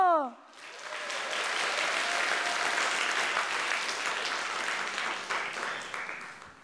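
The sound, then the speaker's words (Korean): An audience at a Korean traditional music (gugak) performance bursts into sustained applause, a dense, steady wash of clapping that holds at an even loudness for several seconds after a brief spoken tail at the start. “그래서 오늘 공연 그냥 보지 마시고 함께 웃고 박수치고 마음껏 즐겨주세요.”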